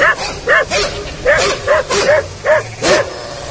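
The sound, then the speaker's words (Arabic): A dog barks repeatedly, about seven or eight sharp, fairly loud barks in a steady, agitated rhythm, with a low background rumble and no talking. “يا سيد بعد علينا كلبك وفهمنا، خلينا نتكلم معك.”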